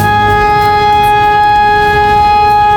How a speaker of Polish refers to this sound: Syreny alarmowe uruchomiono co kilka godzin, by sprawdzić sprawność urządzeń i procedur przekazywania informacji. Część mieszkańców nie wiedziała jednak, jak powinna zareagować na dźwięk syren.